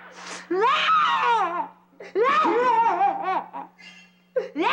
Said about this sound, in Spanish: ¿Qué te pasa, mijita? ¿Por qué estás llorando?